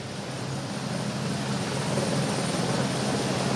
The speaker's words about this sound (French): Vous voyez ces hélicoptères, ils viennent juste d'atterrir. Nous avons vu quelques personnes en sortir.